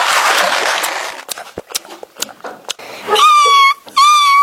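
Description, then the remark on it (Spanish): A small dog whimpers and yips as it is given biscuits as food: scattered short yips after some rustling, then two long, high, wavering whines near the end. “dale al perrito la comida.”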